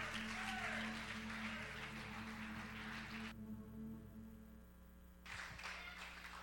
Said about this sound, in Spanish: Denle un aplauso al Señor, nuestro pastor